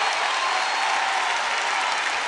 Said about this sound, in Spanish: ¡El señor Dino! ¡Fuerte el aplauso!